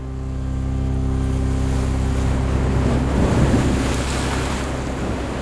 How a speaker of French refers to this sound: le jeune capitaine, met les moteurs et on s'éloigne rapidement du bateau-mère.